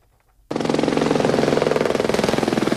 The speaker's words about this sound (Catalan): El tràfic d'helicòpters per descarregar aigua ha sigut constant durant les últimes hores.